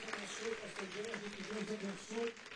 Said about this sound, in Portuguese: Vamos receber o servo de Deus com palmas, bem forte, bem alegre.